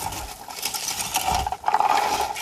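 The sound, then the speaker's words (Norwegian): Blueberries rattle into a berry picker in a steady, dense clatter of small light taps, with a brief dip in the middle before the rustling patter picks up again. No one speaks. “Åh, er det blåvær som rasler ned i plukkeren?”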